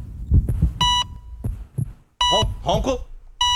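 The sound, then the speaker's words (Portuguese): A heartbeat heard through a stethoscope: soft, muffled low thumps in an uneven pattern, interrupted by bright, steady electronic beeps and brief wavering vocal sounds. “Vamos ouvir o coração do ronco agora”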